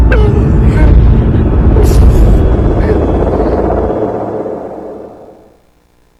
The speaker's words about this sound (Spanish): Viene un dron. Está cerca. Nos están atacando. Nos empezaron a bombardear y me espanté. La casa temblaba por las explosiones.